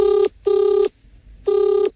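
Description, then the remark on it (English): A telephone ringing tone for a call to the minor complaints hotline sounds in three steady, buzzy electronic bursts of similar pitch, the first two close together and the third after a longer pause, with no one talking. “Yeah, I think we need to call the minor inconvenience hotline?”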